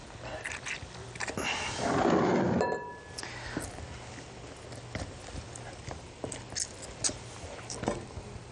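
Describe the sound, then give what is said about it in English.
An orange is squeezed by hand over a dish of ingredients, a loud wet squishing burst lasting about a second, followed by scattered light clicks and taps with no one talking. “Some orange juice. So we're going to squeeze this.”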